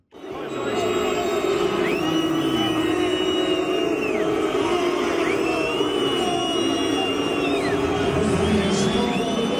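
A huge World Cup stadium crowd fills the air with a loud, sustained roar of booing at FIFA's hydration breaks midway through the halves, many voices merging into one continuous wall of noise with rising and falling tones throughout.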